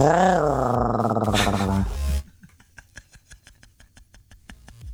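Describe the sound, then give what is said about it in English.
A person lets out a loud, drawn-out growling roar in imitation of a tiger, lasting about two seconds, then it drops off to faint scattered clicks and breathy noises. “My animal laugh for the day would definitely be a tiger.”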